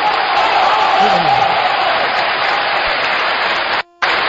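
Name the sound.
warm applause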